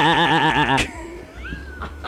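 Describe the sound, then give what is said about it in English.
A person imitates a sheep with one loud, nasal, quavering bleat lasting under a second, then breaks off into quieter background noise and faint rustling. “That has to be him as a sheep, right?”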